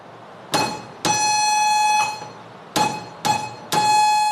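Morse code signals for the digits one to eight, sent at a national student military training camp as a buzzy, steady mid-pitched tone, keyed in a handful of short and longer beeps separated by brief gaps, with no talking.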